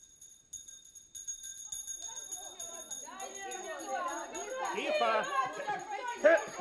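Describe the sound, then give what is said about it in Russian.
A rising hubbub of many children's voices chattering and calling over one another, building from quiet into a loud, continuous classroom din with a few high shouts near the end. “Тихо, дети мои, тихо. Садитесь, дети, садитесь.”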